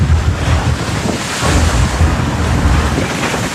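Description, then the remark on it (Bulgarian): Rough, very stormy sea waves surge and crash continuously in darkness and rain, at sea state 4, while strong wind buffets the microphone, creating a loud, dense roar with low rumbling bursts throughout. “Тъмно, дъжд, вятър”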